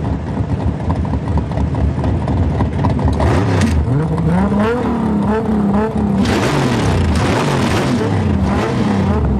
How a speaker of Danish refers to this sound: Men i aften ved midnat kan publikum læne sig tilbage i sæderne og nyde en god gang gaderæs, motorbrøl og store biler.